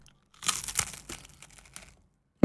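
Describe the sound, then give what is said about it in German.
Dry, crisp crackling and crunching of Knäckebrot crispbread being bitten and chewed by a presenter in the Radio Neandertal studio. A dense burst of sharp, noisy crackles tapers into fainter scattered crinkles before a sudden loud thump at the end. “Liegt einfach daran, dass ich Knäckebrot heute mitgebracht habe und es ist sehr lecker.”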